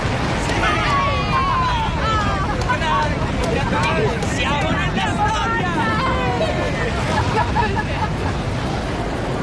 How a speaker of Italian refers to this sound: Quando il razzo vettore Titan 3 si staccò da terra, i festeggiamenti sugli spalti arrivarono quasi a coprire il boato dei motori.